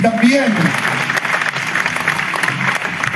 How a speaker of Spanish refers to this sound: Esa victoria sigue estando con nosotros. ¿Cuántos lo creen? Dale ese aplauso, Rey de Reyes.